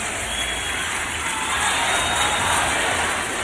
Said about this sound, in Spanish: Muchas gracias a todos ustedes, así como a los compañeros presidentes de estos municipios, a quienes pido un caluroso aplauso para todos los presidentes municipales de estas regiones.